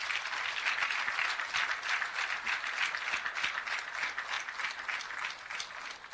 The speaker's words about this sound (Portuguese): estes jovens, homens e mulheres, nas matas de Cabo Delgado, que combatem o terrorismo 24 sobre 24 horas, de segunda a segunda, faça sol, faça chuva, faça frio, peço uma grande salva de palmas.